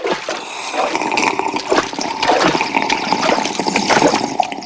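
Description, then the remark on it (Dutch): Loud, continuous gurgling and rushing water fills the whole stretch, swelling in churning surges as a whole sea is gulped down and drunk empty, with no voices present. “Ik drink die hele zee leeg en dan zien we hem vanzelf liggen.”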